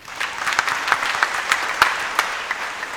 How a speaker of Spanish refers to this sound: ¿Por qué no brindamos fuertes aplausos a todos nosotros?